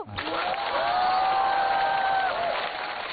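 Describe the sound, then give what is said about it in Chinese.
An audience applauds steadily for about three seconds, a dense wash of clapping from many hands, with a sustained high cheer or whistle-like tone riding above it. “鼓掌的观众，我祝你们幸福。”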